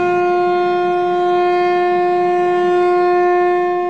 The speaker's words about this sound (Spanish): Se hizo presente como invitada especial la banda de guerra de la sección 17 del Sindicato Nacional Minero, y en su momento se tocó el sonido de lo que fue la sirena de emergencia de los mineros de Taxco.